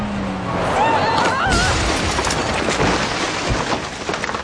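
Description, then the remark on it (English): A vehicle crashes into Benedito's house in a village, smashing the kitchen, with a loud, chaotic burst of smashing and breaking debris, high squealing sounds, and continuous clattering and rumbling throughout, with voices shouting over the noise. “You smashed into Benedito's house! Look at his kitchen!”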